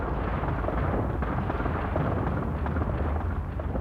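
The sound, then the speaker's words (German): A continuous deep rumble rolls on for several seconds, loud and steady with dense low-end energy and a faint crackle on top, a thunder-like roar of rockfall high up behind the clouds, with large masses of stones breaking loose. “Da oben hinter den Wolken fing es plötzlich an zu donnern. Man dachte erst Gewitter, war aber nicht, sondern das war Steinschlag.”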